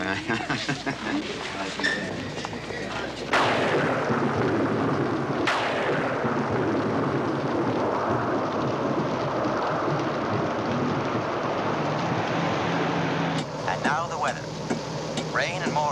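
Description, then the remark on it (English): A thunderstorm with steady, heavy rain hissing throughout and two sharp thunder cracks that rumble away. Voices talk faintly beneath the storm at the start and again near the end. “Storms out of the north and chill coastal winds.”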